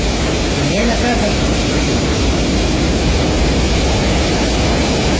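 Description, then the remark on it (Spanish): Strong wind and heavy rain in Los Queques make a loud, steady roaring hiss that never lets up for the whole stretch, with a faint voice briefly audible beneath it near the start. “Mira, a propósito del registro, lo que escuchamos, lo que usted escucha ahí, es un fuerte viento, fuerte lluvia en Los Queques.”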